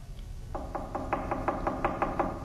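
A rapid, steady series of about ten sharp knocks on the wooden door of a small, poor cottage, evenly spaced and moderately loud, over a low background rumble with no voices.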